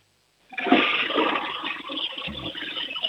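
A child's home toilet flushes for a sound game on the radio, starting with a sudden loud rush of water that keeps churning and swirling steadily for a few seconds, with no one talking.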